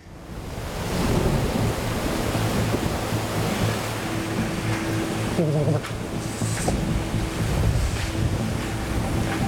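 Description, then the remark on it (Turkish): Steady, dense rain hisses and roars without a break outside a cave as night falls, fairly loud, with a faint low hum underneath and no one speaking. “Aa, yağmur yağıyor.”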